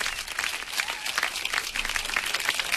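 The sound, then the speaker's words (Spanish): A crowd applauds steadily for about three seconds, a dense, bright rattle of many hands clapping at once with no voices over it, called for by the host on the Locura FM Rock radio show. “Aplausos, por favor.”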